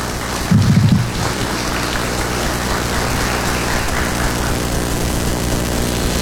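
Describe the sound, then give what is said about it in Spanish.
An audience in Illapel welcomes the commune's mayor, Denis Cortés Aguilera, with dense, steady applause that holds at an even level for about six seconds, with a brief low thump near the start and no voices. “Te recibimos con un gran aplauso.”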